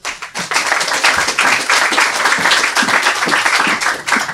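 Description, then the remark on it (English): A crowd breaks into sustained applause for a young girl being introduced to read her story, a dense wash of many hands clapping at a steady, loud level for several seconds with no talking over it. “Let's hear it for”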